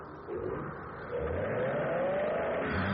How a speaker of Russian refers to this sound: Джим услышал рев мотора с того места, где он работал